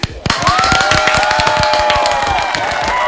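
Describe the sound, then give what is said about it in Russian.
A burst of applause for everyone after a quiz: many hands clapping in a dense, steady patter, with a few cheering voices rising over it, loud throughout after a brief quiet start. “Ну а вам всем аплодисменты, друзья.”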